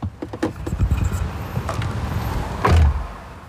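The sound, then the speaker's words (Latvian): Muffled interior of a parked car where people settle in for a quieter place to talk: soft thumps and rustling as someone settles in, then a solid door shutting with a low, boomy thud. No one speaks. “Sarunai atrodam klusāku vietu un iekārtojamies automašīnā.”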